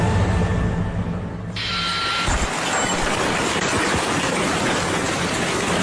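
Hailstones pelt window glass during a storm of heavy rain mixed with hail, recorded by an internet user, in a dense, continuous clatter of sharp ticks and cracks over a heavy roar of rain, swelling loudly after a quieter, humming first second or so. No voices.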